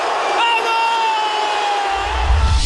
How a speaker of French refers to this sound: Quand il est au balcon, les supporters se multiplient comme des petits pains et l'acclamation est digne d'un nouveau Messi